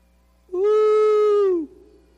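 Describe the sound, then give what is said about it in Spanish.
A voice imitates a jungle bird with one long, steady hooting cry, held about a second before dipping slightly at the end. It is fairly loud, with no talking. “Y aparte de eso, los pájaros, las aves de la selva, hacían.”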